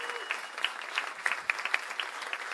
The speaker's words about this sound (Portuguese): Bia Paes Leme, uma salva de palmas para a nossa querida Bia.